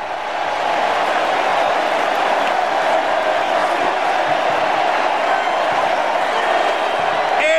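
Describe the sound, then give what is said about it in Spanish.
A huge stadium crowd applauds and roars as Leo Messi leaves the field during a World Cup match, replaced by Nico Paz, in one unbroken, thunderous wall of noise, dense claps and cheers blending together at a steady high level for several seconds. “Hay que callarnos para escuchar porque Leo Messi va a salir del campo y también nosotros vamos a aplaudir.”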